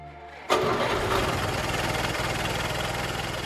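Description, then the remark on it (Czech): A car engine turns over and catches after a brief low rumble, then settles into a steady, fairly loud idle that runs to the end with no voices. “Mezitím bylo auto připraveno.”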